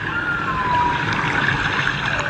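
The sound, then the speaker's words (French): A humpback whale song recorded off the coast of Dakar: a long, gliding tonal moan with faint higher whistles, steady and unbroken over a dense, hissing wash of underwater noise. “Bouche bée, installée à leur table d'écolier, la trentaine d'élèves de cette classe de CM2 écoutent religieusement l'enregistrement d'une baleine à bosse réalisée au large de Dakar.”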